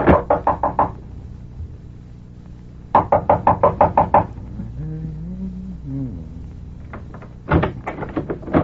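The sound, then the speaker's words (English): Three bursts of rapid, sharp knocking on a door, each a quick series of raps, with a creaking, groaning sound in between as the door swings open, then a final flurry of knocks. “And the opening of this door introduces us to another in the series”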